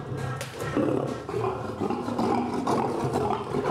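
A lioness growls low and continuously, with rough rumbling swells and brief pauses between deep, throaty snarls; no one speaks.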